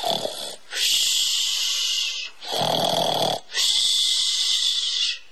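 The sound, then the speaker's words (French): A wolf sleeping in a forest snores loudly and raspily in long drawn-out breaths, about four heavy snores in quick succession, with no one talking. “Son museau tomba sur sa poitrine et bientôt retentit dans la forêt un énorme ronflement.”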